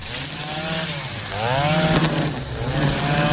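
Small two-stroke engines of grass trimmers and a tractor mower drone steadily as grass is mowed at the Gospa Dragotinska shrine on a Saturday, their pitch rising and falling as the throttle revs, with a harsh buzzing whine of several machines running together and no one talking.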